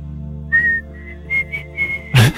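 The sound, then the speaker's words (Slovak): A thin, faltering mouth whistle: a few short, wavering high tones broken by gaps, fairly quiet, ending in a sudden breathy burst of air. “že zapískaš.”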